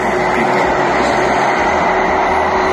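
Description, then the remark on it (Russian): A drone flies right over a house, overhead, with a loud, steady engine buzz, a dense unbroken rumble with a faint steady hum running through it for the whole few seconds. No one speaks. “Я думал, на мопеде туда проехал. Нет, это пролетел над головой.”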